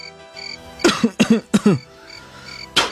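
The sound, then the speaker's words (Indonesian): A child coughs and spits into a bowl: three harsh, wet coughs in quick succession, then a short pause before one more cough. No one speaks. “Nak, buanglah ludahmu ke dalam mangkuk ini.”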